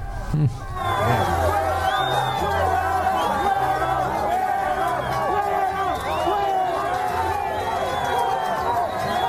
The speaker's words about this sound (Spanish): Como gritan Petro